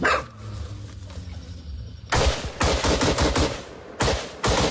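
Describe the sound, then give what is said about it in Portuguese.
After a quiet, murmuring stretch, bursts of automatic rifle fire with tracer rounds crack out in rapid succession, fired from the top of a favela in Parque Mambucaba. One long volley is followed by a brief pause and then another short burst, loud and sharp. “No Parque Mambucaba, eles gravaram também rajadas de disparos com balas traçantes.”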